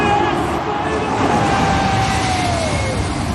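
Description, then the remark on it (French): A loud, steady roar of jet engines from two large airliners passing low overhead, only a few dozen metres above the roof of the stadium in Cape Town, South Africa, just before a rugby match kickoff, with a high whining tone that slowly slides down in pitch over the dense rumble. “Ce que vous entendez là, ce sont deux gros avions de ligne.”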